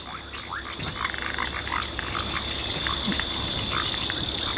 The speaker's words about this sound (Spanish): Acá se escuchan las ranas y sapos que viven en esta zona húmeda.